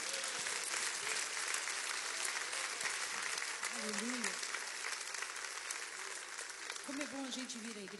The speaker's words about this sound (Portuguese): Vamos recebê-la com aplauso para Jesus.